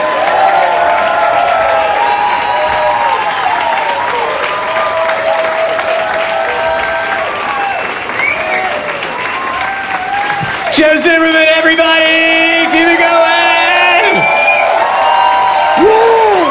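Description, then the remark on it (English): An audience in Asheville claps steadily and loudly at the end of a performer's set, with rising whoops and shouted cheers on top. The cheering swells into a brighter, higher burst near the end. “You're still clapping?”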